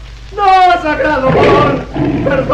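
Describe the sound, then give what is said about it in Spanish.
A giant tiger lets out a loud, menacing roar, a rising growl that swells into a rough, throaty bellow lasting about two seconds before trailing off. “El nativo gemía suplicante ante Calimán, que se había convertido en gigantesco tigre que rugía amenazante.”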